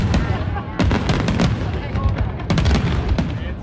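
The big Swiss National Day fireworks display bursting over the lake at the Brunnerdorffest in the best conditions after a thunderstorm, a dense, continuous barrage with sharp cracks and booms arriving in quick irregular clusters over a steady rumbling roar, loud throughout.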